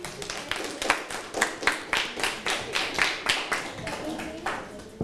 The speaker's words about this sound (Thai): ในส่วนนี้ขอเสียงปรบมือให้กับเพื่อนด้วยครับ